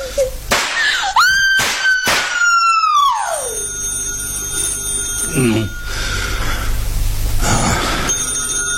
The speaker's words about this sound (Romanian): Nu răspunde la telefon, Eloisa. E hoțul. Vrea să știe dacă a murit.